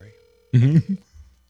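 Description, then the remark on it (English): A faint, steady telephone tone on a phone call to Ice Cube hums for about half a second, then cuts off as a voice briefly speaks over the line, followed by low, muffled sounds. “Okay, let's see if Cube the great will answer. All let's righty. Here we go. Famous phone.”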